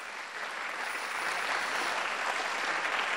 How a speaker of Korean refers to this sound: 정말 많이 긴장했을 텐데 다시 한번 좋은 무대 보여준 우리 네. 이사이 팀에게 큰 박수 부탁드립니다.